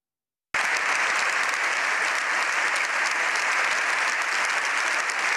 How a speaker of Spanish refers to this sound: Casi 7 minutos de aplausos han despedido al Papa tras su histórico discurso en el Congreso, que ha durado casi media hora.